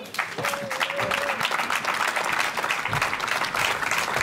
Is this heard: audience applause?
yes